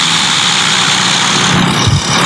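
A simulated Cessna propeller-plane engine drones loudly and continuously after being accelerated, its pitch easing down slightly toward the end as it decelerates; no one speaks.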